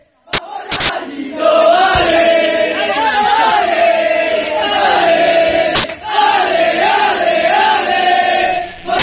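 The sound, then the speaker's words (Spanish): About 50 to 60 Rayo football fans chant loudly and continuously in unison as they welcome the Rayo team bus arriving at the hotel, a rising and falling melodic roar punctuated by a few sharp bangs like firecrackers. “Este vídeo, estas imágenes y este sonido es el recibimiento de los aficionados al autobús del Rayo cuando llegaban al hotel.”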